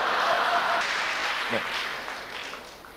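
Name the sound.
audience applause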